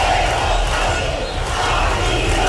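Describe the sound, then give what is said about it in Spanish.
A large protest crowd in Spain, part of demonstrations by tens of thousands of people, shouts and chants against the government, a loud, dense roar of many voices sustained steadily throughout the short clip. “Decenas de miles de personas han protestado en toda España, unas movilizaciones marcadas, como escuchan, por los gritos contra el gobierno.”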